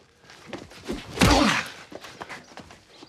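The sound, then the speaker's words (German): Several muffled punches thud in quick succession during sparring, with one heavy, loud blow near the middle followed by lighter, scattered hits and shuffling movement. “So eine starke Rechte hätte ich dir gar nicht zugetraut.”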